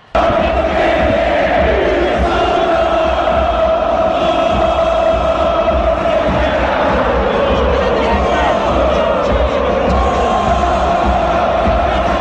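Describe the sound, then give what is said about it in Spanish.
A huge football crowd at the Monumental stadium chants together in a loud, sustained roar at minute 120 of extra time in a River versus San Lorenzo match, the mass of voices holding steady, droning pitches with a rhythmic swell, shouts and whoops rising above the din, the crowd shouting "que se vayan todos". “Y escuchen ustedes el sonido ambiente del Monumental.”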